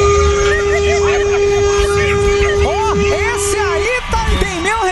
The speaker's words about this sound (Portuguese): Já tá aparecendo outra coisa. Vai, mais um, buzina aí.